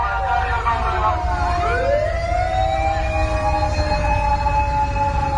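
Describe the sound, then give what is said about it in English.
An emergency vehicle siren wails loudly with steady, sweeping tones over a heavy, constant low rumble of traffic, with no one speaking nearby. “Not only do emergency vehicles have sirens, they're also yelling stuff from a loudspeaker.”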